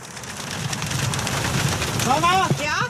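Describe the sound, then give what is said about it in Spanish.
Heavy storm rain that has just grown heavier pours in a dense, steady hiss that fills the whole scene, with a brief voice rising over it near the end. “Vamos a utilizar 3 globos porque la lluvia se ha vuelto más fuerte.”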